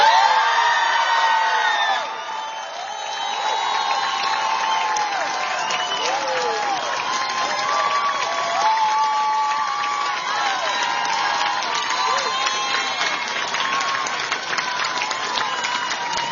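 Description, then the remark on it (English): A large crowd cheers and applauds continuously for campaign manager Akash Kaza, with scattered whoops and shouts rising above dense clapping; the roar stays loud and steady throughout. “That cheer tells you what kind of a leader he is.”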